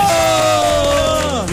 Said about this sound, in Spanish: ¿Pero dónde están los aplausos? ¡Oh, bravo, bravo!